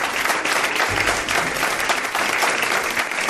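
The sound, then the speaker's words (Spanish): An audience claps steadily to welcome a new guest on a show, a dense, even wash of many hands throughout, loud and continuous with no voices standing out. “No os he pedido un aplauso para ella,”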